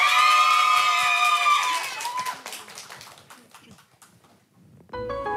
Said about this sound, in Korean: 자, 오늘 옆에 … 여러분 박수로 청해 드리겠습니다.